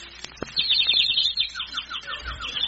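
A small bird in a tree chirps in a quick, steady run of high, bright notes that repeat for a couple of seconds. The song is clear, with a quieter outdoor background.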